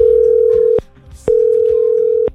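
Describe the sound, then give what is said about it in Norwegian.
A telephone ringback tone from an outgoing call to a man: a steady, clear single-pitch tone sounds twice, separated by a short pause, with faint background noise and no talking. “Nå skal jeg ringe til en kar. Jeg håper han tar telefonen.”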